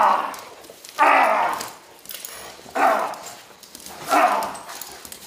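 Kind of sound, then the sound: animal, dog barking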